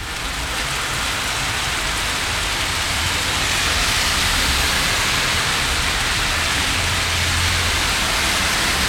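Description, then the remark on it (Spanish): Heavy rain pours down in a dense, steady roar of hissing water, loud and continuing without a break, with no voices; a very strong burst of rain at 12:51. “Súper fuerte el pulso de agua que cae a esta hora.”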